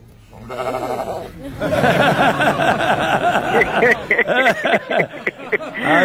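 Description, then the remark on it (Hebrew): A lamb bleats loudly and repeatedly, its wavering cries overlapping in a continuous burst, with a few sharper, shorter bleats toward the end, during a Jewish redemption of a firstborn donkey (pidyon peter chamor) with Rabbi Yitzhak Yosef, the lamb being taken in exchange for the donkey. “לוקחים כבש כנגד החמור, מה התהליך?”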